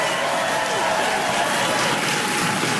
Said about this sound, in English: Keep that applause going for my interpreter